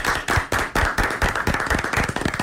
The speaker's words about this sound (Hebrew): יפה מאוד, הרב אסף מחלב מגיע לזה מחיאות כפיים.